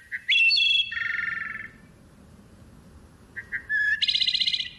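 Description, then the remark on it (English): Two clear, flute-like phrases of wood thrush song, each opening with soft short notes and ending in a bright, rapid trill, ringing out alone over a quiet woodland background. “We can help wood thrushes and forest birds everywhere by conserving and restoring woodlands throughout the Americas.”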